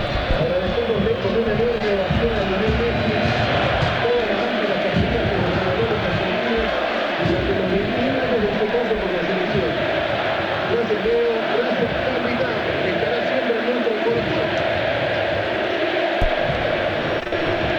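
A large stadium crowd of Central football fans roars continuously, applauding and rhythmically chanting "Fideo, Fideo" for Ángel Di María, voices rising and falling with applause mixed in, loud and dense throughout with no single voice standing out.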